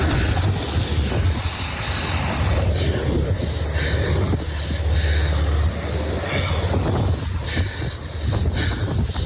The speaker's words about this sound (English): shared this audio as helicopters started to drop in.